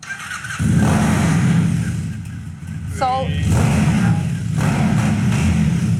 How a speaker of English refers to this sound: Is this bike for me? It is. Thank you. We're gonna crank it up.